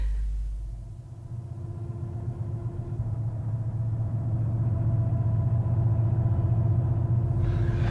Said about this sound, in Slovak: Počujete autá? Motory vrčia. Počuli sme to aj dolu na ceste. Sú odtiaľto najmenej 5 kilometrov. Kým prídu sem, celkom sa zmrkne. Cesta je tu nie najlepšia, musia pomaly.